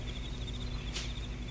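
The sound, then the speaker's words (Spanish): Crickets chirp in a steady, rapid high-pitched trill that carries on evenly, over a low background rumble, with no one speaking. “Es solo el canto de los grillos.”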